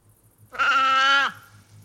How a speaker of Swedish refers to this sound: Det där är en säl. Det var en säl. Ja. Det var en sälkut.